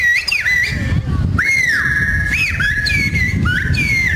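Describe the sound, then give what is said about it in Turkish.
Loud, high-pitched human whistles trade phrases in kuş dili, the Turkish whistled bird language, at a festival in Bursa, Turkey; each a sustained tone with sharp upward and downward glides, a whistled conversation over a low background rumble of crowd noise. “Etkinlikte kuş diliyle yapılan konuşmalar büyük ilgi gördü.”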